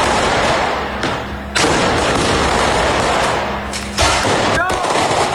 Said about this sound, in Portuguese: Acenderam o rojão. Tá acendendo. Olha lá, foi.